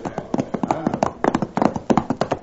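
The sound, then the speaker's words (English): Horse hooves clip-clop in a steady, fairly quick rhythm, a string of hollow knocks, moderately loud, with a faint murmur of other sound beneath. “watch my horse.”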